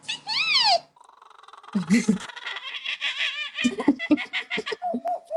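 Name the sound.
boy imitating bird calls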